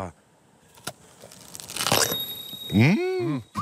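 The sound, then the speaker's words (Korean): A crisp crunch of teeth biting into a fresh peach, a short burst of crackly chewing, followed by a drawn-out appreciative hum from the person eating. “아삭 소리.”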